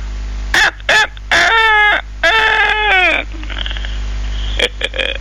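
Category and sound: bird, rooster crowing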